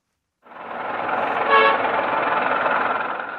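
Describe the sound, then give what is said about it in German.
Busy street traffic in Hanoi rumbles steadily, with car horns honking through the din and one louder toot sounding midway; the noise starts abruptly and continues without letup. “Verkehrschaos gehört in Hanoi einfach dazu.”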